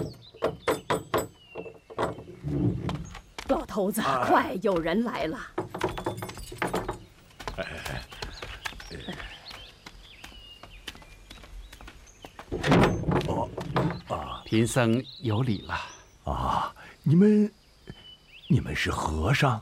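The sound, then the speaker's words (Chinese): Knocking on a door, a few sharp thuds heard among people talking and moving about, moderately loud. “不用你敲门。”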